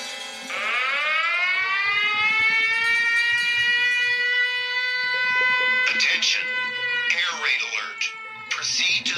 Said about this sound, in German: Also was steht hier? 5.39 Uhr. Das ist der Alarm gerade hier ausgelöst worden von dieser App auf meinem Handy. Und da steht jetzt, dass ich direkt schnell zum Schutzraum gehen soll, weil eine Rakete oder irgendetwas jetzt in Richtung der Stadt